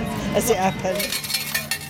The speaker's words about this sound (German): Sie holt am Wechselautomaten Kleingeld, das ihre Kinder an den Spielautomaten ausgeben können.